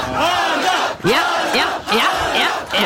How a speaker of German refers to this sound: Adam wird da von hunderten Fans im Ziel gefeiert, die da auf ihn gewartet haben.